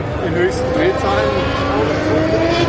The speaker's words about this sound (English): Vintage Indy 500 cars roared by on the racetrack.